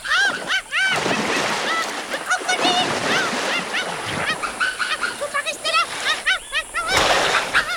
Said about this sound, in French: Un énorme crocodile préhistorique sort de l'eau, la mâchoire grande ouverte. Il fait claquer sa gueule béante dans le vide et manque le Darwinus de quelques centimètres.